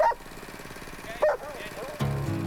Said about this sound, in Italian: Vedi che c'è la festa anche dei cani che sanno che si parte?